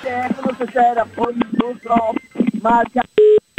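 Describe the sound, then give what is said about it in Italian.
A person talks rapidly, then two short, steady telephone dialing tones sound in quick succession at the end, loud and clear after the voice stops. “Si è risolto tutto con una telefonata.”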